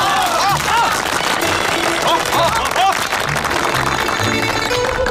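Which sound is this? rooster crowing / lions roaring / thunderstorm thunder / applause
applause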